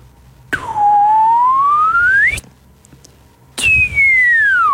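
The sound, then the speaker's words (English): A person whistles a slide-whistle imitation: one long, clear tone gliding steadily upward, a short pause, then a second loud whistle sliding back down in pitch. “Slide whistle for starters, up and down.”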